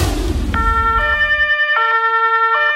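The siren of a huge fire engine in Tulln, Lower Austria, sounds loudly, alternating between two tones in a steady hi-lo pattern after a brief rumble of engine noise at the start. No one speaks.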